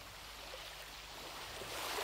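A steady, wide rush of water like waves washing in, fairly quiet and continuous, swelling slightly toward the end, with no voices.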